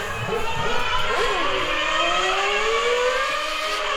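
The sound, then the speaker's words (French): A car that has lost its exhaust pipe gives a loud, continuous engine roar with a harsh, rasping drone and wavering pitch that rises and falls, sustained for several seconds in the middle of a highway, with no talking. “T'as perdu ton pot d'échappement.”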